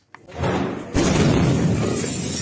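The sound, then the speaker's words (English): A powerful explosion of pyrotechnic material at a military barracks in Viacha, Bolivia, southwest of La Paz, booms and rumbles, followed by a sharp second blast with shattering windows, all loud with a sustained roar of debris and noise. “The moment a powerful blast shook a neighborhood of Viacha, shattering windows and sending traumatized people scurrying for shelter.”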